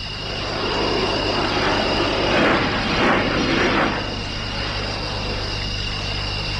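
An airplane drones overhead in the middle of the night, its broad engine roar swelling to a peak midway and then slowly fading, steady hum persisting underneath with no voices present.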